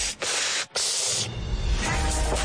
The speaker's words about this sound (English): She hates the sound of breathing. Don't breathe. But if you have to, try to take a quick gasp through the side of your mouth like this.